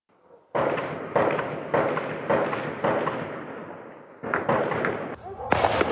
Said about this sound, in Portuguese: porque os moradores que estavam dormindo tranquilamente, eles acordaram com os sons ali das explosões e também dos disparos dos fuzis.